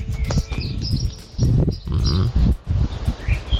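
Outdoor morning ambience of a village: scattered bird chirps and calls over a steady low rumble, with bursts of heavy, snorting breathing and what may be farm animals.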